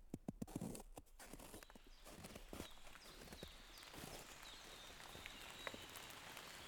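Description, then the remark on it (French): Fine light rain falling through a beech forest in the Pyrenean foothills in spring, a soft steady hiss dotted with sharp, irregular drips, some louder at first, with no voices. “Une pluie fine.”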